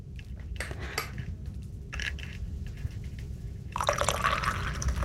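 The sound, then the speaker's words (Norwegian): Coffee is poured into a cup at the municipal hall in Siljan, Norway, amid scattered clinks of cups and dishes, followed by a louder, steady pouring stream near the end. “Ja, nå har vi helt oss litt kaffe her”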